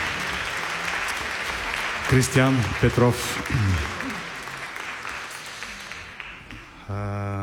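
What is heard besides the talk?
audience applause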